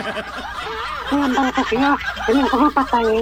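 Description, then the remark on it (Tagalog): A person imitates a chicken call, a loud warbling gobble broken into quick, choppy bursts that repeat over a few seconds. “Eh, ni manok ka.”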